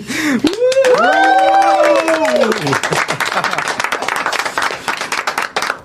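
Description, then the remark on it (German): A loud, rising vocal "woo" whoop from a few voices opens over dense, steady clapping, then the applause carries on alone, brisk and sustained until the end; it thanks the whole editorial team at the close of the Funkenflug Late Night Show youth radio broadcast. “Und das machen wir am besten, weil anders können wir es nicht darstellen, mit einem kräftigen Applaus und einem Wuh.”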